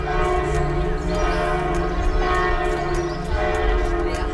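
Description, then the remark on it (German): Church bells of Knechtsteden monastery near Dormagen, Rhein-Kreis Neuss, Germany, peal steadily, calling people to the basilica; several bells overlap in a continuous ringing wash, with regular strikes about twice a second and rich lingering tones, loud. “Die Glocken des Klosters Knechtsteden laden ein.”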